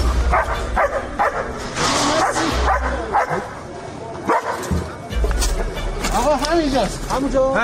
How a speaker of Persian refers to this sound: لئو سگ زنده‌یاب جمعیت هلال احمر که در طی حملات نظامی آمریکا و اسرائیل به ایران بدون وقفه به عملیات جستجو و نجات پرداخت و نقش مهمی در پیدا کردن پیکرها و نجات افراد زنده از زیر آوار جنگ داشت.